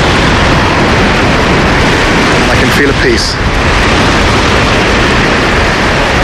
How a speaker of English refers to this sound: And there's a strong wind.